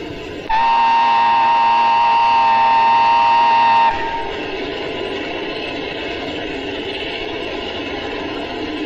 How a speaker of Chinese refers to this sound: 火车来了， 看清楚了吗？ 看清了。